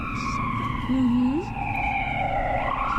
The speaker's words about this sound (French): Oui, ces sirènes sont vraiment assourdissantes.